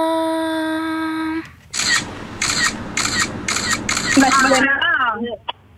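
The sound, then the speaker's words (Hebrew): A steady electronic tone, then a quick series of about five crisp screenshot-like camera shutter clicks in an even rhythm, loud, with a voice briefly chiming in near the end. “זה כאילו היה צילום מסך, סקרין שוט, אבל בסדר, אנחנו ניתן לכם את זה.”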